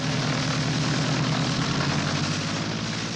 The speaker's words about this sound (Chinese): 杜秋开动了发动机，终于从要阻拦他的警车上面腾空飞起。可是那摇摇晃晃的机身可真叫人担心了。